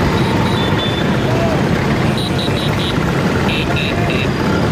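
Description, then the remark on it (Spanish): Dense street traffic of Vespa scooters in Rome, engines buzzing steadily, with a run of short, repeated horn toots in quick bursts over the constant motor noise; riders carrying their countries' flags honk as some 10,000 Vespas ride through the streets past the Colosseum. “Con banderas de sus países tocando el claxon, como decimos, y esa postal tan bonita, tan italiana, de las 10.000 Vespas recorriendo las calles frente al Coliseo Romano.”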